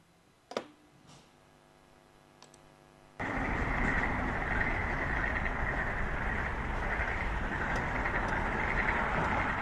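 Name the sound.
frogs croaking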